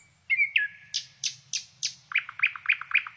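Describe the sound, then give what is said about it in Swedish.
A nightingale at Krankesjön, sitting very close to the microphone, sings loud and clear: a rising whistled note, then four sharp, rasping strokes, followed by a quick run of five repeated bright chirps, with a faint low hum underneath. “Ja, men det där var häftigt med näktergalen vid Krankesjön som satt helt nära mikrofonen och aldrig slutade sjunga.”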